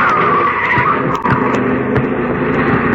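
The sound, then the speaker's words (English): A car's tires screech loudly in a sustained skid on a street, the harsh squeal holding for several seconds over rumbling engine noise, dominating the scene. “Look out, Governor. Mind that car.”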